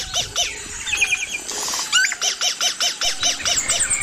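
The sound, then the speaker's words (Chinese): A male songbird sings a fast series of bright, high-pitched whistled notes, repeated in a steady rhythm roughly a dozen times. The song is fairly loud, with no voices alongside it. “因此，雄鸟的歌声能够吸引雌鸟，还可以震慑其他企图靠近自己领地的雄性。”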